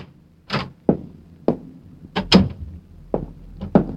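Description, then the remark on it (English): A door is worked open: a string of sharp clicks and wooden thunks, like a lock and latch being turned and the door pulled, irregularly spaced over a few seconds with no talking. “Managed to get them on in the right order and made it to the door that had been locked before, but it wasn't this time.”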